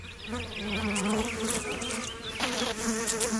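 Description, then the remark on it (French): A housefly buzzes with a steady, droning hum that wavers slightly in pitch as it moves, continuous and fairly loud for the whole few seconds, with no voices. “Alors, est-ce qu'elles ne méritent pas qu'on les applaudisse, les mouches domestiques ?”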